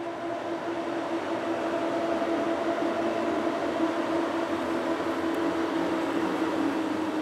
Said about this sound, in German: In Polen eine der am häufigsten im Intercity-Verkehr eingesetzten Elektrolokomotiven.